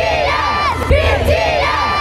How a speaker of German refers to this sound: Und gleich eine Band, auch K-Pop, die hat gerade erst mehr als 70.000 Menschen zum Schreien gebracht.